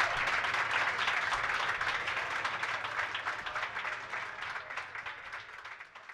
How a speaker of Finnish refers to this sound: No niin, annetaanpa vielä kerran oikein raikuvat aplodit tälle meidän edelliselle oikein mahtavalle esiintyjälle.